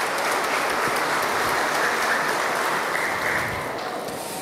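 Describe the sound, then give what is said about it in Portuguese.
A church crowd claps in a steady, dense round of applause for a child tither, loud and sustained for several seconds before easing slightly toward the end; no voices stand out. “Uma salva de palmas para a nossa dizimista Mirim.”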